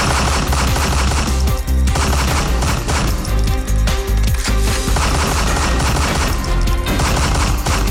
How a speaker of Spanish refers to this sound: el criminal sacó un arma de fuego y propinó varios disparos hasta causarle la muerte en el lugar de los hechos.